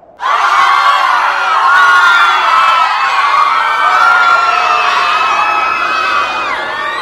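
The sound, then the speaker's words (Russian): A large group of children shouts a name together, loud and sustained, their overlapping voices bursting in abruptly and carrying on for several seconds as an excited, echoing crowd call. “Как зовут ее? Настенька. Покричите ей.”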